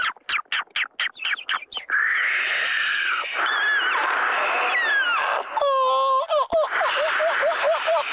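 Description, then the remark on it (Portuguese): Birds chirp and whistle continuously over a steady background wash like sea surf in the relaxation music track, with rapid clicking calls at first, then sweeping whistles and a quick repeated trill, fairly loud. “É só mar, as árvores e os passarinhos.”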